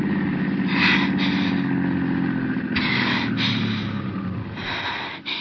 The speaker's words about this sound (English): Stop it, do you hear? Okay, I'll stop the car